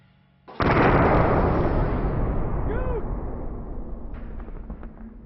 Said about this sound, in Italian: Sentimmo il rumore di un'esplosione terribile e vedemmo una colonna di fumo e polvere, una sensazione tremenda. Il veicolo venne scagliato a una decina di metri di distanza.